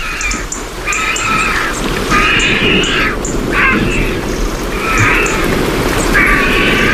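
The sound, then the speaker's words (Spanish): Vultures cackle in a series of about five harsh, raspy bursts over a steady wash of rain-like background noise, as they dry their plumage with wings spread after a downpour, among holm oaks in the late afternoon toward dusk. “¿Esto es buitre? Es cuando están todos, sí.”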